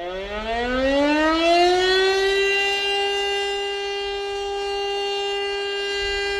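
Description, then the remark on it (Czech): A fire alarm siren from a public loudspeaker winds up from a low pitch and settles into a loud, steady wail that holds for several seconds, with no voices, sounding a fire alarm that calls firefighters to a burning house. “Volání hasičů byl vyhlášen požární poplach.”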